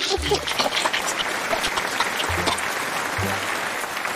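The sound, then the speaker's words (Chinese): A crowd applauds steadily for several seconds for a person who correctly answered that shoe soles are made from petroleum, during a reading program, a dense, even patter of many hands clapping at once, with a few low murmurs or voices faintly underneath. “掌声送给他，回答正确。”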